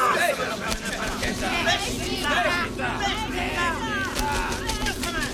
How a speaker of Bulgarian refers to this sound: Тълпата я обсипваше с подигравки и ругатни.